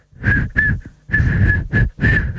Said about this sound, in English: Okay, well, give me something to whistle.